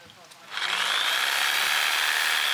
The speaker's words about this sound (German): Stichsäge. Die macht ist quasi eine Pendelhubsäge, das heißt, das Sägeblatt bewegt sich hoch und runter in die Richtung.